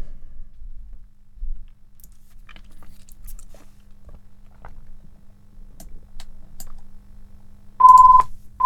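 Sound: telephone ringing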